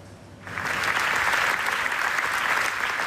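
Dense, sustained standing ovation from a large crowd at the 83rd Venice Film Festival, for the premiere of the documentary Naza about the killings in Gaza, rises sharply after a brief quieter start, then holds steady and loud as a continuous roar of clapping hands; the ovation lasted 25 minutes.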